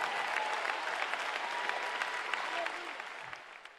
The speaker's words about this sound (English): Bah, l'éternel, on applaudit, on applaudit.